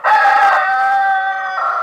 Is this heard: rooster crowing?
yes